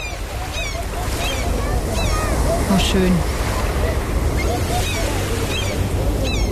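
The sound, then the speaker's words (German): Steady rushing surf of ocean waves washing ashore, a broad continuous wash filling the background, with a person briefly speaking a few words over it. “Für alle, die schon aus dem Urlaub wieder da sind und das Meer vermissen, kurzer akustischer Urlaub jetzt hier”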